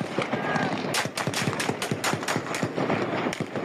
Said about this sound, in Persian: ساعت 10 که میشه شروع میکنن به تیراندازی، اصلا نگاه نمیکرد، کلاشو میگرفت راست همونطوری کلاشو میگرفت سمت چپ.